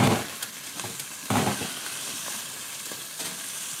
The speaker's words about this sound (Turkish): Mühürleniyor sıcak tencerenin içerisinde.